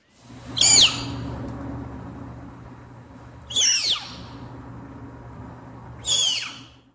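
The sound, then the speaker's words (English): A captive snow leopard cub, being weighed by veterinarians at the Como Park Zoo and Conservatory in St. Paul, Minnesota, lets out three sharp, high-pitched squeaks, each brief and spaced a few seconds apart, over a steady low background hum. “And you're about to hear a snow leopard cub while it's being weighed by veterinarians at the Como Park Zoo and Conservatory in St.”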